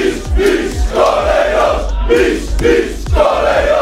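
A large crowd of Lech Poznań football fans chants and cheers outside the stadium on Bułgarska Street, welcoming the players after the match that secured the Polish championship, loud rhythmic bursts of voices rising and falling in a steady repeating pattern, with deep thumping beats underneath.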